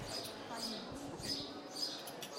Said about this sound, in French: Et vous entendez les oiseaux qui sont assez bruyants ici à Genève.